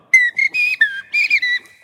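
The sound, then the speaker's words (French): A person whistles an imitation of blackbird song: about five short, clear, warbling phrases with sliding, bright pitches and brief gaps between them, fairly loud with no voices. “Le Merle Noir.”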